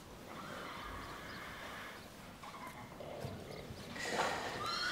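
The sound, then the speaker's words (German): Two horses sick with Borna disease whinny and neigh over a steady outdoor background, with a louder, higher neigh near the end and faint hoof clopping underneath. No one speaks. “Das heißt, dass es für diese beiden Pferde hier keine Heilung mehr gibt.”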